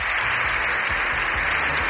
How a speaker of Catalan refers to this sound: Més de 7 minuts d'aplaudiments, aquests que sentim, dels aplaudiments més llargs que es recorden al Congrés dels Diputats, en una imatge inèdita d'un congrés que per un matí ha aparcat la discussió política.